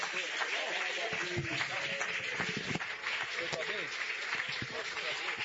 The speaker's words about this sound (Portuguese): com as palmas bem forte, bem alegre, bem maravilhosa, ao nome do Senhor Jesus. Mais alegre! Mais alegre!